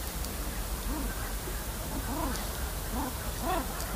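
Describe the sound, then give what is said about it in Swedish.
Curlews and herring gulls call on a shoreline, several short rising-and-falling cries repeating over a steady rush of wind and water. “Och man kan höra storspo här och gråtrutar.”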